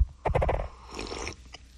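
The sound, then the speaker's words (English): A coffee cup rubs against a microphone as someone takes a sip, producing a burst of low, harmonic grinding squeaks followed by thinner, higher-pitched squeals and one last short chirp, with no one speaking. “Sorry, it pushed up against the microphone. It was a little squeaky, wasn't it?”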